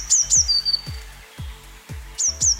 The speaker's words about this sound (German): So richtig, eine Blaumeise.